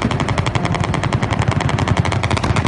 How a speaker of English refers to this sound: A hail of bullets descending from a helicopter. Gunshots fired in the streets of Turkey, the crowd ducking for cover.